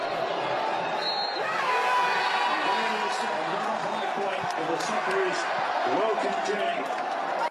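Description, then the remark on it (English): A large crowd at Fed Square roars and cheers at the end of a match in a sustained, dense wall of noise, with scattered shouts and whistles rising above the steady din for several seconds. “And here's the moment the crowd reacted to the end of the match at Fed Square just moments ago.”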